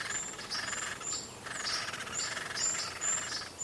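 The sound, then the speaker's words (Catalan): A great spotted woodpecker (Dendrocopos major) gives short, sharp high calls, about seven in quick, slightly irregular succession, heard clearly over a steady background hiss of insects or other birds. “Picot garcer gros, Dendrocopus major. El trobem tots els mesos de l'any a les àrees forestals properes al riu.”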